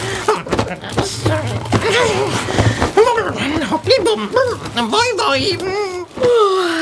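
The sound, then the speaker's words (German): Strained, breathy panting mixed with short whining grunts, rising and falling in pitch over several seconds, as a voice acts out dragging a very heavy basket behind him and hauling it onto a bed, with a low steady rumble underneath early on. “Er schleppt einen sehr schweren Korb hinter sich her und zerrt ihn keuchend aufs Bett.”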